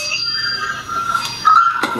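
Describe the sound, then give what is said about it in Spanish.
An upstairs doorbell rings with a steady, high electronic tone, swelling louder partway through, with a couple of sharp clicks. No one speaks. “Han tocado el timbre.”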